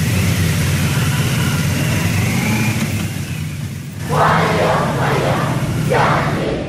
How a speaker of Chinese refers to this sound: 上午9时许，七一勋章获得者集体乘坐礼宾车从驻地出发，由礼宾摩托车队护卫前往人民大会堂。